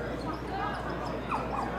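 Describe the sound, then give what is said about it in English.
A dog whimpers and gives a couple of short, high yelps, partly buried under the steady murmur of a large crowd at a baseball game at First Energy Stadium on Bark in the Park Day. “It is Bark in the Park Day. You can hear that poor dog. Doesn't sound so happy right now.”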